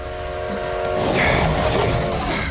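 A train rolls into Dover and comes to a complete stop with a loud, steady rumble and a sustained metallic whine, like brakes squealing as it slows. No voices are heard.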